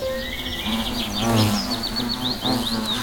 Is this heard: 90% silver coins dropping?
no